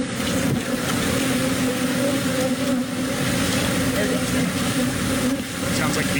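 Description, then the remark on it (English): A dense, steady drone of a swarm of about 2 million bees buzzing loudly, escaped from an overturned 18-wheeler on a highway in Mauriceville, Texas, while people in beekeeper suits wrangle them; a continuous humming wall of sound with indistinct voices faintly underneath. “This is how it sounded as the many people in beekeeper suits were trying to wrangle the bees.”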